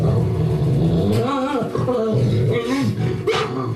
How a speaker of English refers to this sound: An invisible, growling mutt that once hounded him comes to love the postman.